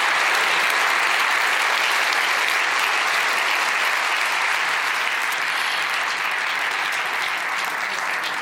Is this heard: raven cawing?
no